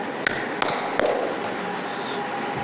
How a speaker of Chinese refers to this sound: 咱俩的关系不用矫情，这个直接敲门没关系， 直接敲门、 啊、敲门就行啊。